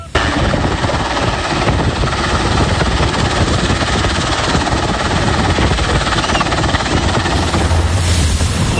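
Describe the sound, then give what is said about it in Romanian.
A rescue helicopter hovers over a sinking ferry bound for Turkey, picking up survivors from the only part still above the surface. Its rotor beats in a loud, steady, rapid chop that fills the whole stretch with dense roaring noise and no voices. “Salvatorii i-au cules cu bărci și elicoptere pe cei care au reușit să iasă pe singura bucată din feribot rămasă la suprafață.”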